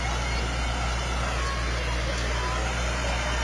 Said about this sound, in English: Farm All tractor sporting an American flag on the back. We've got a Super MTA 1966 diesel as well coming up. More Farm All tractors. Yeah. These are Bob Mickelson's tractors, driven by grandsons, it looks like.